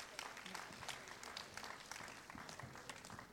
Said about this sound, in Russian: А теперь вот он материализовывается под бурные аплодисменты.